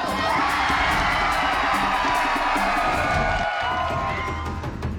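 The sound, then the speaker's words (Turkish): A large crowd watching a lumberjack contest cheers and applauds continuously, a dense roar of voices with shouts and whoops rising above steady clapping, loud throughout and easing slightly toward the end. “Kalabalığı izliyoruz. Her alkışladıklarında yemeğe bir dakika daha yaklaşmış oluyoruz tabii.”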